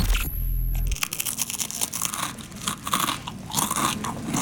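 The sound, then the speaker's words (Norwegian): Loud, continuous crunching of crispbread being chewed, a dense run of brittle cracks and crackles with an uneven chewing rhythm, preceded by a brief low thump and a faint high tone. No one speaks. “Er kollegaen din litt for glad i knekkebrød?”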